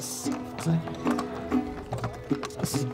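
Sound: horse hooves clip-clopping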